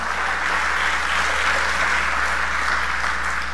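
A church audience applauds the King of Glory (God) during a sermon in a steady, dense wash of clapping that holds at an even, fairly loud level for the whole stretch, with no voices over it.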